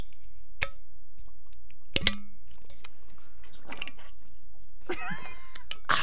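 Someone drinks water from a newly bought Awala water bottle: wet mouth clicks, soft gulps and a sharp plastic click, with a short burst of sloshing near the end. No one speaks.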